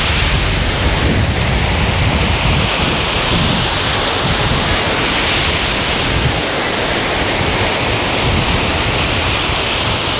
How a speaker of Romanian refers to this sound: sunt valuri foarte mari, curentul e foarte puternic